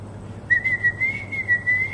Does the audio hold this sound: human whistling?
yes